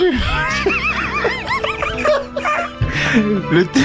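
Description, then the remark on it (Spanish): A person imitates a dog's bark with a string of short, voiced yelps and woofs, mixed with other voices and snickering laughter. “No dice wow. Dice uff.”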